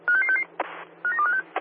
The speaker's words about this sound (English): Good morning, Bees. This is Bees Water West, checking for the staff toilet duress alarm.